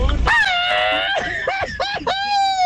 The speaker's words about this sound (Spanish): Ya, señores, como opción número uno, ahí está el grito que nos mandan por acá, que es el siguiente. ¡Viva México! Ahí está el grito, opción número uno, para que empieces a votar por él. Grito número dos.